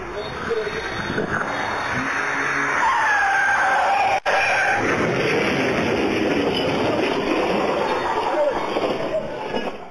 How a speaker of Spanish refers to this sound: El auto que circulaba a alta velocidad perdió el control. Se estrelló contra un poste y terminó volcado.